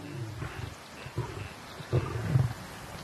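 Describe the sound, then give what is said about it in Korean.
A dominant male lion growls low and rumbling in repeated throaty bursts while feeding on a recent kill with young lions, keeping approaching lionesses from eating; deeper snarls build toward the end; no one speaks. “수컷이 으르렁거리며 암컷들이 못 먹게 하죠.”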